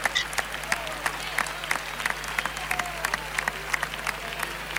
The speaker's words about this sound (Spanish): Palmas de respetable, algunos pañuelos que afloran por los tendidos.